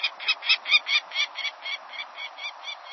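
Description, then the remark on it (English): A peregrine falcon gives a rapid series of harsh, scratchy calls, about four per second, steady in rhythm and slowly fading, heard alone. “The mid-sized peregrine falcon nests in some locales across the country”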